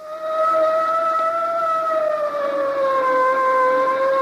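A police boat siren in New York sounds a loud, steady wail whose pitch sinks slowly over a few seconds, with layered harmonics and nobody speaking over it.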